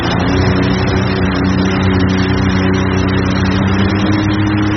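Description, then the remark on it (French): A jet ski engine is revved steadily and loudly, a rough droning growl with strong low harmonics that holds for several seconds without any voices. “Tu peux accélérer un petit peu là ou... Ouais, un petit peu là, on peut écouter un petit peu le moteur ronronner.”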